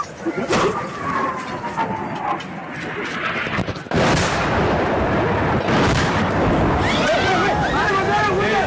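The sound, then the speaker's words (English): Scattered sharp gunshots crack over a rumbling backdrop, then a heavy airstrike explosion from Myanmar military junta warplanes bursts in and sustains a loud, roaring din, with voices crying out toward the end. “Again and again, terror rains from the sky.”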